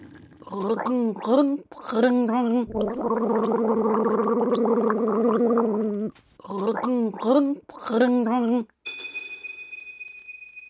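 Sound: person gargling water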